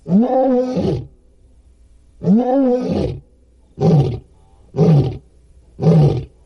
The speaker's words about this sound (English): But even more dramatic was the third test, in which the researchers played an audio recording of an unfamiliar lion's roar.